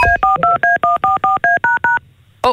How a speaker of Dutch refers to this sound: Dat is een uitgaande telefoon.